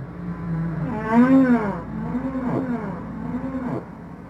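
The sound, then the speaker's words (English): Long, deep moaning calls of humpback whale song rise and fall in pitch, one swelling louder near the middle, followed by lower drawn-out groans, all echoing with an underwater resonance; the song is used for communication between humpback whale pods in the ocean. “So humpback whale song is a means of communication, and it can move between different pods of humpback whales, which can be, you know, miles and miles apart.”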